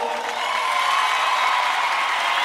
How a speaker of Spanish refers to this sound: ¡Aplausos!